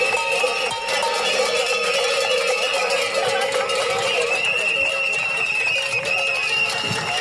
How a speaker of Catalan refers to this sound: És so d'aquesta protesta que s'ha fet al quilòmetre 229 d'aquesta via, la Nacional 260, just al costat de la parada d'autobús i d'altres serveis clau pel poble, el punt exacte on reclamen aquest pas.